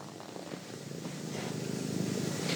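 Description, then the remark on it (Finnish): A small cat, found in the Lohja area of Finland, purring, a steady, rhythmic low rumble that continues without pause and grows slightly louder, with no voices. “Niin, nyt on sellainen tilanne, että tämä pieni kissa, joka on löydetty täältä Lohjan seudulta, niin juhlallisiin tilaisuuksiin saa nyt nimen.”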